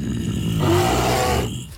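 A bear roar sound effect: a deep, loud roar rumbles continuously for almost two seconds, swelling slightly in the middle with a raspy, growling texture before cutting off abruptly. No one speaks over it.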